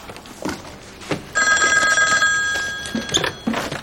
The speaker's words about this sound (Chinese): 电话。